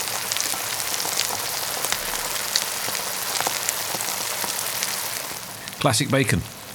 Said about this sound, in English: Classic bacon frying noises.